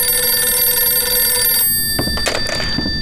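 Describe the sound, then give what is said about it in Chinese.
A telephone bell rings steadily with a bright, sustained metallic tone, then cuts off abruptly and is followed by the clatter of a receiver being picked up; the call is from Fan Tianxi for Commander-in-Chief Long. “喂，嗯，好，他在。龙总司令，范天喜的电话”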